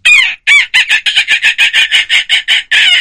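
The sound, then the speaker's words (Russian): Someone imitates seagull cries: a rapid run of about a dozen loud, harsh, nasal squawks, nearly evenly spaced, ending in a longer drawn-out call. “Звук давайте... чайки, да, тоже о, классно. Давай, чайки, это классно.”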